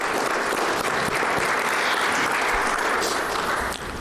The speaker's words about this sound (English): May we please give them a round of applause.